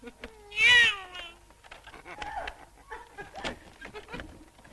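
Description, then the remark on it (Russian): A cat lets out one loud, drawn-out meow, then quieter scattered sounds and faint rustling follow in the background. “Мадам Купо, а не кажется ли вам, что это на кухне в кастрюле ваш кролик мяукает?”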